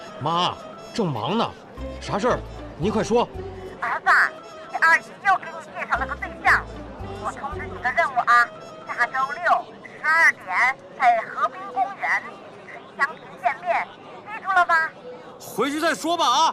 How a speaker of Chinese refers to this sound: 我现在正在宝鸡火车站，为您全程报道惠民号绿皮工艺列车。